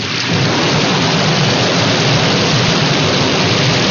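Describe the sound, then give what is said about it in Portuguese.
Steady, heavy rain pours down continuously, a dense hiss with a deep rumbling undertone like thunder, loud and unbroken throughout with no voices. “prepara aí a sombrinha, o guarda-chuva, prepara tudo aí, porque, ó, vai chover na fazenda, viu?”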